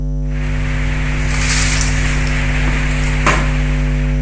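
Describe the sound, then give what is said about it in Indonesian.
Steady hiss and crackle of chips (keripik) being deep-fried in hot oil, continuous and fairly loud, over a low electrical hum, with one sharp clack near the end. No one speaks. “Sebelum sibuk menggoreng keripik seperti sekarang”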